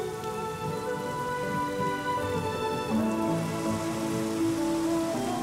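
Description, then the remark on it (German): A steady rain shower in Scotland, a dense, even hiss of drops pattering on a surface, holding at a constant moderate level throughout with no voices. “Nur wenig Regen zwischen den Schauern.”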